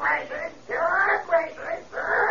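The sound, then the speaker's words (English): A pet parrot named Belshazzar squawks repeatedly, letting out a string of harsh, high-pitched, wailing cries in quick succession with brief gaps between them. The squawks are loud, and no one speaks over them. “What about that parrot we keep hearing?”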